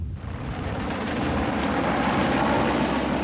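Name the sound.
helicopter approaching overhead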